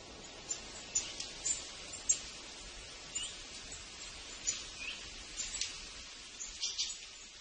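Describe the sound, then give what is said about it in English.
A chorus of many birds of many different varieties singing and chirping at once in the morning, quick overlapping calls rising from a soft, steady outdoor background, not very loud, with no one talking. “When I go out in the morning, I hear like an orchestra of bird songs.”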